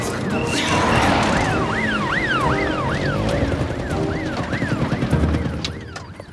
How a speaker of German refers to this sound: Außerdem rangiere ich doch jetzt hier nicht rum, wenn die Polizei mit Sirenen hinter uns ist.